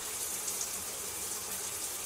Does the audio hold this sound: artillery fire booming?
no